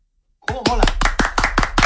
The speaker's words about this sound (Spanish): ¿Estabais tardando en dar un aplauso a Vitaldent? ¡Claro que sí!